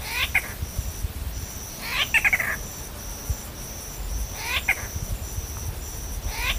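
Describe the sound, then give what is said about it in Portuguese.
A bird gives a mewing, cat-like call three times at spaced intervals, each a short slurred cry, over a steady background of chirping insects and low outdoor rumble. “É que uma das suas vocalizações pode lembrar um miado de gato.”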